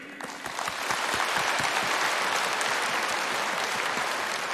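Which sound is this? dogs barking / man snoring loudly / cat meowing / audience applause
audience applause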